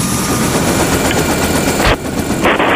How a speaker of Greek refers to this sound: Το ελικόπτερο καλέ. Είναι καιρός για πέταγμα.